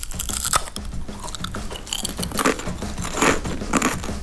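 Loud crunching of potato chips being bitten and chewed, with repeated sharp crackly bursts in an irregular rhythm and no talking.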